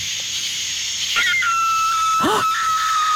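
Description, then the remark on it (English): A coyote or fox screams out in the pitch-black countryside at night, two sharp wavering cries about a second apart, carrying over a steady hiss of night insects and a thin sustained whine. “That's a coyote fox.”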